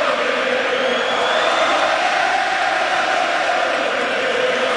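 A large hockey crowd roars and cheers in a dense, continuous wall of voices, loud and steady for the whole stretch, with a faint rising-and-falling swell of collective shouting.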